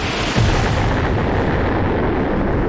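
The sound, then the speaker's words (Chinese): A massive asteroid impact explosion, modelled as centred on Manhattan, New York, bursts in with a sudden onset, then becomes a loud, sustained, roaring rumble that fills the whole clip without letting up. No voices are heard. “爆炸会让城市化为瓦砾和灰烬。”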